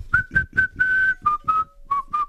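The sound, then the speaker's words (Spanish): A person whistles a short, bouncy tune: about nine clear notes, one held longer in the middle, with the melody stepping down slightly toward the end. “Buen día, qué lindo ese silbido.”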